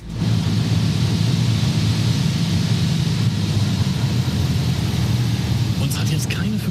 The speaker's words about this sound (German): schon über Jüst und es geht in den Landeanflug. Ach du liebe Zeit, die Landebahn sieht aber klein aus von hier oben.